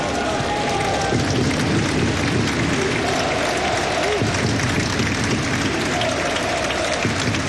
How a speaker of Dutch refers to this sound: Daar is het applaus voor de gewezen doelman van Serbië.